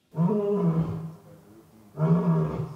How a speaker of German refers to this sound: Der frisch gebackene Löwenpapa Boti ruft.